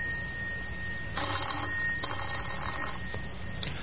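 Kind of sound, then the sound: signal or alarm, bell ringing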